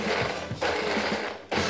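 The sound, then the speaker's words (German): A blender motor whirs loudly in short pulses of about one and a half seconds each, with brief dips between bursts of harsh grinding noise and no voices. “Und dann in den Mixer. Ja. Wirklich nur immer für so eineinhalb Sekunden. So pulsmäßig, ne?”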